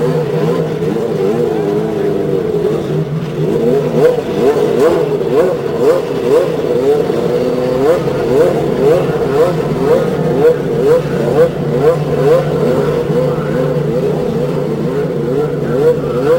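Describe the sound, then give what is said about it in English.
At the Indianapolis Motor Speedway, 33 race car engines start up together after the cry 'start your engines' and rev in a massed, loud, continuous drone with pitches rising and falling in overlapping waves. No one speaks. “And 33 engines spring to life.”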